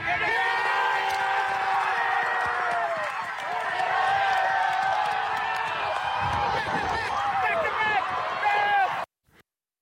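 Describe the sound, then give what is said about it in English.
A large crowd at the Tiwi Islands Football League Grand Final cheers and shouts continuously, many voices overlapping in loud, high-pitched whoops and yells, holding steady for about nine seconds before cutting off abruptly. “The biggest sporting event on the Tiwi Islands' calendar drew a big crowd over the weekend.”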